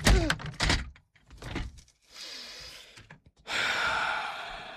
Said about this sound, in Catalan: Per què creus que t'he llançat la cadira